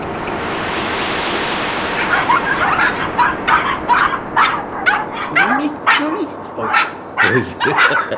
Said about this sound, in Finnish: Tämä King Charlesin spanieli, niin se on kunnon seurakoira, eikö vaan?